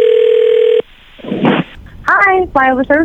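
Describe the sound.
A steady telephone dial tone hums for under a second, then cuts off into a brief burst of noisy clicks as a prank phone call is placed to Flyover Services, a skywriting company, before a person starts talking.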